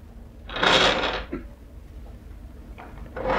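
A drawer slides open with a loud scraping rush, then a few softer knocks and shuffles follow as spare photographs inside are rummaged through, with no talking.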